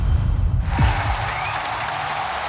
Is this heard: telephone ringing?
no